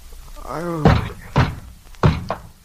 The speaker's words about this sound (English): Oh, don't tear the door down.